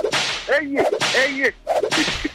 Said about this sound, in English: You need to flog me, oh. I need to flog. Oh, permission to flog you. Let me whip you. Give me one. How many strokes? Give me five.